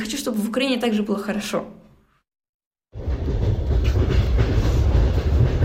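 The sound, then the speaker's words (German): After a voice speaks briefly and a short pause follows, the steady, loud rumble and rattle of a moving train carriage on its way to Kharkiv fills the rest, heard from inside with dense low clatter. “Sie sitzt im Zug, unterwegs zu ihren Großeltern in Kharkiv.”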